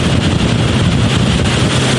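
A military boat carrying Ukrainian marines roars steadily and loudly as it travels along a river to a set point, with heavy wind buffeting the microphone throughout and no voices.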